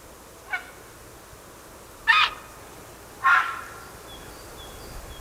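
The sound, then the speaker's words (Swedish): Three harsh, rasping heron calls at the bird tower at Nolhagaviken in Alingsås: a faint short one first, then two louder, coarser squawks spaced about a second apart, with faint high bird chirps trailing at the end. “Det är häger, så låter den, ja.”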